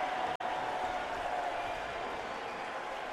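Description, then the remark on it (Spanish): A stadium crowd of New York City FC fans chanting and roaring in a dense, steady wall of voices while awaiting the teams' entrance for the Timbers versus New York City FC match, holding loud for the whole stretch apart from one split-second dropout near the start. “El grito a la derecha de NYC, que lo pueden escuchar.”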